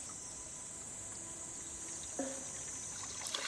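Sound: water trickling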